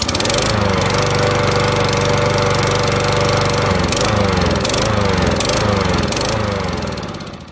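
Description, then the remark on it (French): A lawn mower engine runs loud early on a Sunday morning, holding a steady drone before surging in a series of rhythmic revs and dips, then fading slightly at the end. “J'adore le bruit de la tondeuse au petit matin.”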